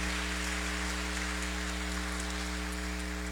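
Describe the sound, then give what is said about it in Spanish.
A church audience applauds to congratulate those celebrating birthdays this Sunday, in a steady, sustained patter of many hands clapping at once, evenly dense throughout with no voices, over a low constant electrical hum. “A los cumpleañeros de este domingo los felicitamos con un fuerte aplauso.”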